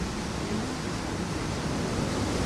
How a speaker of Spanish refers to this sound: agua